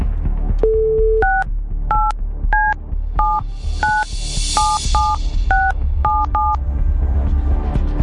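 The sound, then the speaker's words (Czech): A brief dial tone, then a quick run of about eleven touch-tone beeps as a radio host keys in a phone number to call someone, at an uneven pace, each beep a clear two-note chirp over a steady background bed. “Je vytočeno, tak schválně. Jestli nám to tam zvednou, jestli tam poslouchají.”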